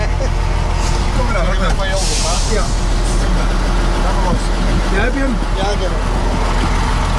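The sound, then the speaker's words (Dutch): The engine of Henk Wijngaard's truck drones with a steady, loud low rumble as the truck drives, while people talk over the noise throughout. “Dames en heren, hier bij de vrachtwagen van Henk Wijngaard, niemand minder dan …, presentator en chauffeur.”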